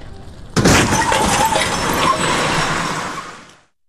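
A car crash: a sudden loud impact bursts in, followed by roughly three seconds of shattering glass and clattering debris that gradually dies away, with no voices.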